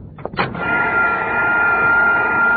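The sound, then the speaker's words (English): A vacuum cleaner on a dining table clicks on and quickly rises to a loud, steady whirring roar with a high motor whine, running continuously with no one talking, as it sucks up sauerkraut while being shown picking up breadcrumbs. “John, take that vacuum cleaner off the table. You're sucking up the sauerkraut.”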